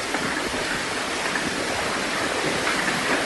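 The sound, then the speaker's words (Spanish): A dense, steady roar of heavy rain and hail pouring down in Eslida, in the province of Castellón, Spain, with scattered sharp patters and impacts within the constant hiss, and no voices at all. “Así sonaba ayer la lluvia y el granizo en Eslida.”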